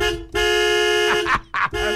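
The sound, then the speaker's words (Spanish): A car horn, sounded on a radio broadcast as the signal for listeners to phone in to a contest, blares in long, loud sustained blasts, briefly cutting out and resuming, with a person's voice breaking in over the honking. “Suena el claxon y automáticamente pega la carrera, agarra el teléfono y marca para participar.”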